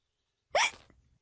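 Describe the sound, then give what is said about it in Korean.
A single sharp hiccup from a person, fairly loud, a quick gulping squeak that cuts off fast and leaves a faint rumble trailing behind it, with no talking around it. “…, 딸꾹질 좀 그만해.”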